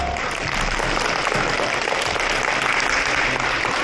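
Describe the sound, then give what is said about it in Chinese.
Students in a class clap steadily to welcome a teacher, a dense, even burst of applause that stays loud for the whole few seconds with no voices rising above it. “同学们，让我们掌声有请但增卓嘎老师。”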